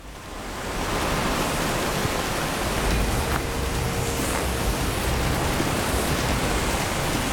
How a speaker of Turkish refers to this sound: Baksanıza, şelalenin debisi inanılmaz güçlü.